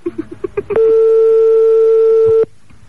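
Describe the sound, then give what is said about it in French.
A rapid series of six short electronic beeps leads straight into a long, steady synthetic tone lasting almost two seconds, loud, a modern phone ringtone sound effect, with no one talking. “La bruitage sonnerie moderne.”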